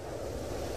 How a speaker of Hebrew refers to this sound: או רוח.